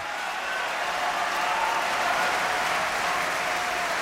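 Steady, dense applause from a large opera audience at a curtain call of Ariadne auf Naxos, growing for the singer playing Zerbinetta: a continuous bright wash of clapping that holds a fairly even loudness throughout, with no voices standing out.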